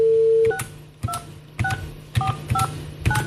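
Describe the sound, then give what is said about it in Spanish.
A steady dial tone cuts off, then six phone keypad presses follow at roughly half-second intervals, each a short two-tone DTMF beep paired with a hard thump from the key being struck. No voices. “Tía, qué hostia le mete al teclado.”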